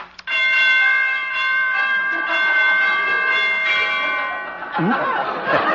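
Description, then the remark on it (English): Out-of-tune door chimes at a dancing academy ring loudly with clashing tones, their overlapping notes sustaining for several seconds before cutting off into a brief jumble of other sound. “War chimes need tuning.”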